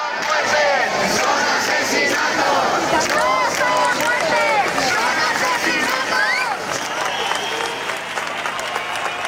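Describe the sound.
A large crowd of demonstrators on a march in Madrid, Spain, against the housing crisis chants and shouts together that these are not deaths but murders, a dense, loud wall of overlapping voices that holds steady throughout before easing slightly near the end.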